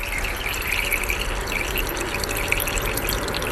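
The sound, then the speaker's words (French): Steady pattering of water drops falling into water, with a continuous bubbling, splashy texture from many small bubbles carried down into the water. Fairly loud, no speech. “C'est plein de petites bulles qui sont entraînées dans l'eau. Et c'est ces bulles-là qui vont faire ce bruit qu'on entend, nous, dans l'air.”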